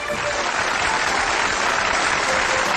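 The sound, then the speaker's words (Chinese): The studio audience of the Shaanxi TV collecting show Huashan Lunjian applauds to welcome the appraisal panel guests, a dense, even wash of many hands clapping at full loudness for the whole stretch, with no voices rising above it. “掌声欢迎鉴定席市场团和华山研修院的各位嘉宾。”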